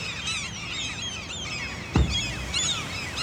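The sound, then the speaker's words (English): Gulls and oystercatchers call in alarm at a falcon flown in the grounds of Rigmore Hospital to deter nesting gulls, a continuous tangle of shrill, overlapping cries from several birds, with a brief low thump partway through. “Clearly the gulls were not happy, but neither were the oyster catchers.”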